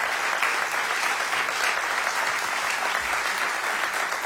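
An audience claps steadily throughout, a dense, even wash of applause that stays loud from start to finish with no voices standing out.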